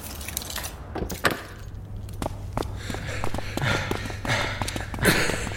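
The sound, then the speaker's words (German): Heavy, breathy panting in a museum, ragged and rhythmic, mixed with scattered footsteps and light knocks on a hard floor; no one speaks. “Dein Keuchen kann man durch das ganze Museum hören.”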